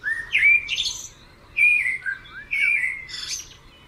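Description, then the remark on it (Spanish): A common blackbird (Turdus merula) sings in clear, fluting phrases with whistled notes and higher twittering flourishes, three bursts over a few seconds, alone with no voices. “Dowland señala Armirlo común, nombre científico Turdus merula.”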